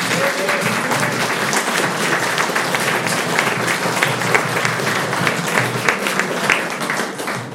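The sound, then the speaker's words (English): An audience at the Trans Book Festival applauds the panel of Transing the Canon steadily for several seconds, a dense, loud wash of many hands clapping at once with no pauses and no voices on top. “Please give a really warm round of applause to our wonderful panel.”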